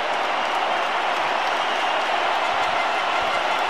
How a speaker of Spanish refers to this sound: Sí, ya está listo y el que sale del terreno de juego es Gilberto Mora. Me voy a callar mejor para que ustedes escuchen la ovación.